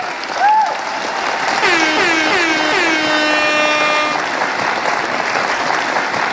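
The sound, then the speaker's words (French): Steady crowd applause from a concert audience at the Festival des Voissonneuses in Saverdun fills the whole stretch, with a few rising cheers or whoops cutting through in the middle before the clapping carries on alone. “Vous pouvez quand même applaudir aussi l'auteur du morceau.”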